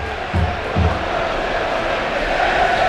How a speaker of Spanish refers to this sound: Aplaude la grada de la Rosaleda.